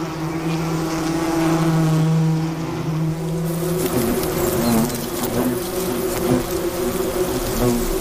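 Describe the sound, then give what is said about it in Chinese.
Wasps buzz steadily in a dense, droning hum with wavering pitch, several wingbeats overlapping and shifting as the insects move. No voices. “捕猎的胡蜂通常是工蜂，他们不会自己享用猎物，而是会把猎物带回蜂巢拿去做交易。”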